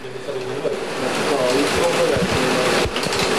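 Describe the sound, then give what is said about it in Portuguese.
Heavy rain pours down in a steady, dense hiss on the Estádio Municipal Nuno Álvares Pereira football stadium in Serrache de Bom Jardim during a match, with a man's voice talking over the constant downpour. “É aquilo que, com esta chuva intensa que nesta altura se faz sentir aqui sobre Serrache de Bom Jardim.”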